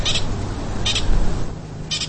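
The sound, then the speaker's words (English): A pika gives three short, high-pitched squeaky alarm chirps, spaced roughly a second apart, in the morning, over a steady low rumbling background. “So we have our first pika of the morning.”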